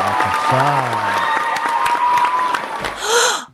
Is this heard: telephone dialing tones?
no